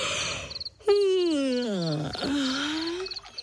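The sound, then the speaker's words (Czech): A loud, drawn-out yawning groan that slides down in pitch, dips, then holds steady, likely a human voice imitating a young hippo yawning loudly, with faint chirping birds in the background. “Pomyslel si hroch a hlasitě zívnul.”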